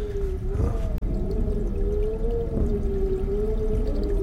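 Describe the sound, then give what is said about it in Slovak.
A chair creaks in one long, drawn-out groan, a steady mid-pitched tone that wavers slightly up and down, broken by a brief click-like gap near the start. No one speaks. “A tá vrzga. Všetko tu vrzga.”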